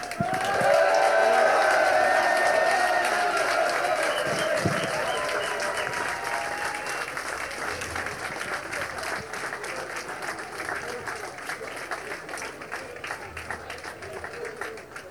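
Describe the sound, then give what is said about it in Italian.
An audience at an awards ceremony applauds steadily for about fifteen seconds for the crew winning the Cruiser division, dense clapping with some cheers and whoops early on, gradually thinning slightly toward the end. “Un applauso per l'equipaggio di Kadama.”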